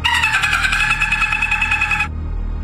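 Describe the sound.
A person imitates a dolphin call as sound number 1 in a human-or-animal guessing game: a high, buzzy chatter of rapid pulses held steadily for about two seconds, then cut off abruptly, leaving only a low background hum.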